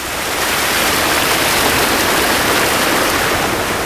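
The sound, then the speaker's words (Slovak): Fast, cold water rushes steadily and loudly down a wooden log flume, a dense continuous roar like a torrent, with no pauses and no voices. “A pri zvukoch tejto rýchlej vody, ktorá prudko splavovala drevo z hôr do mesta”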